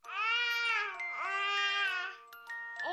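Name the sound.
baby babbling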